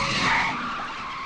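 Car tires skid in one loud, sustained screech lasting just over a second, a harsh, noisy squeal that stays fairly steady, with no voices over it.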